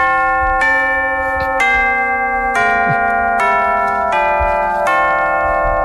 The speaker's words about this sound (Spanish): Es un poco campana. Suena timbre. Es un poco timbre, sí.